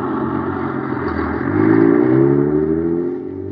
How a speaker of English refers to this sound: Zooming down the highway, pulled along by an honest-to-goodness motor truck. Say, gang, you know how big that rocket clubhouse is? It's 35 feet long, big as a freight car. You know how much it weighs? A tremendous 10,000 pounds.